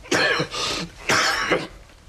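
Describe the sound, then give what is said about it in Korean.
Two fairly loud coughs from someone in King Gungye's court in a drama scene, each a harsh two-part burst with a short pause between them. No talking. “취임이 지금 관심법을 하고 있는데 어찌 기침을 할 수 있느냐, 이 미련한 거사.”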